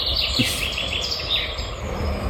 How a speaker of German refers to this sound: Specht und Käuzchen habe ich gehört, den Rest kann ich nicht identifizieren. Ist aber schwierig